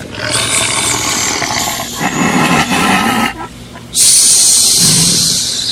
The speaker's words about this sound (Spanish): Dios mío, medio raro escucho. Algo como que gruñe. Como que viene para acá, ¿y qué?